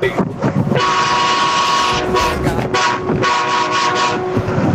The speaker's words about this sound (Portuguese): Ô meu filho, você tá adiantado, o buzinaço é só mais tarde, viu? Calma, segura a buzina aí. Segura a sua buzina aí.